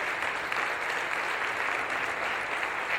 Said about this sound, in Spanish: Yo creo que les demos un aplauso saludándolos a ellos.